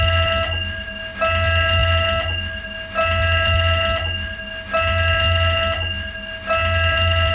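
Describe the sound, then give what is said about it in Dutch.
An alarm bell rings loudly and continuously in four long, evenly spaced bursts, each starting sharply and fading slightly before the next, with a harsh metallic tone and no voices. “Dat is eigenlijk min of meer een alarmbel van, ja jongens, het is toch wel heet buiten hoor.”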